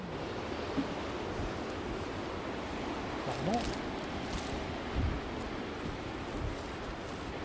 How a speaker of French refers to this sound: Bon, là, il y a une dépression qui est en train de passer. Donc, on a du vent, mais ce n'est pas la tempête.